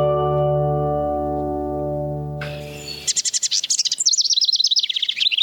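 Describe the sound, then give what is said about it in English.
A steady humming drone fades out, and a common wren, a tiny bird, bursts into loud, rapid song: bright trills and chattering notes pouring out without pause for the last few seconds. “The common wren is a tiny bird of uncommon ambition.”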